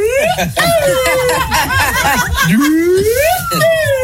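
A small toy pipe, a little flute, plays a thin, wavering tone that dips and then slides upward, clearly audible over a crowd's busy laughter and chatter.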